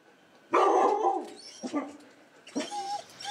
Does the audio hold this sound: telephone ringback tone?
no